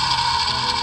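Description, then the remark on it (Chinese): Steady underwater machinery noise from a fishing boat's propeller, heard through a submarine's sonar headphones: a constant hum with a hissing wash and a faint fast pulsing throb, faster than a previous vessel's, with no voices. “比起来说前一个比较慢，然后这个比较快，所以说快的这个大概率是个渔船。”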